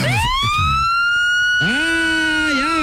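A police car siren blares in short bursts as police pull a car over: a rising wail that holds steady, then a lower warbling whoop, loud and with no voices.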